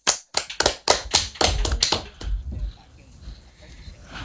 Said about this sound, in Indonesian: Teman-teman, mana tepuk tangannya?